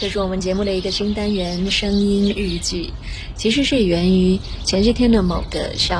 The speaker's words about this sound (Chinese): 我路过了一片小树林，就听到树上的鸟儿叫得特别的欢乐，忍不住就想要把那个片刻录下来。